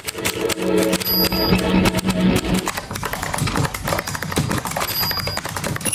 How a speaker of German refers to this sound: Tippen, Tasten, Funken, Radio.